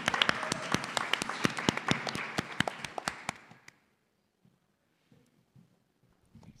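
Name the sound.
audience applause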